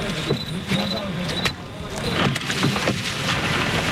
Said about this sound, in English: The truck is moving. They're moving, they're moving, they're moving.